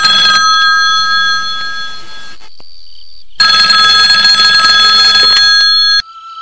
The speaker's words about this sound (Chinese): 老家来电话了，你来接一下。